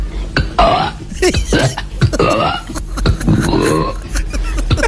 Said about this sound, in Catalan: És que aquesta senyora, és que el vídeo l'hi has d'obre, toca l'esquena i es va tirant rots a la, cap a direcció a la mateixa esquena. I sembla que les vibracions dels rots... Ostres, però si sembla una granota.